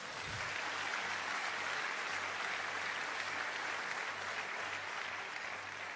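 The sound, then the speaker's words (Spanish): An audience applauds together for the Lord, a dense and steady wash of clapping that holds at an even, fairly loud level for the whole stretch, with no voices rising above it. “¿Cuánto dan un aplauso, Señor?”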